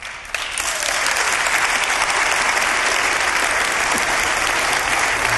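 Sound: audience applauding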